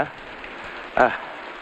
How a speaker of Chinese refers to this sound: 爷爷，下这么大的雨，你怎么又回来了？